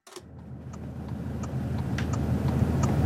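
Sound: car driving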